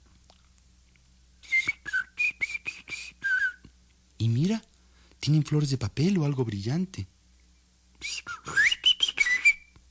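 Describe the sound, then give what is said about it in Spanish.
A person whistles rapid, high chirping notes imitating toy birds singing, in two bursts of bird-like trills separated by a stretch of spoken words. “Se pararon muy quietecitos en un rincón de la ventana y vieron que eran pájaros de juguete, que cantaban, movían las alas, pero no volaban.”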